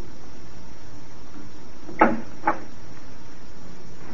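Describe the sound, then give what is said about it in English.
Two short knocking clunks about half a second apart, the first louder, like a door being opened and then shut, over a steady low background hiss with no voices. “I'll see you to the door.”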